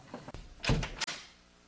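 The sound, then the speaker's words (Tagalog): A door is opened: a short click and rattle of the latch, then a louder creaking, scraping swing ending in a sharp knock, with quiet room tone afterward. “Bubuksan ko na po yung pinto.”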